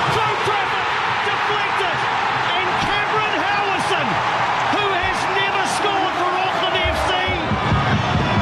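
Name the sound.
football stadium crowd roaring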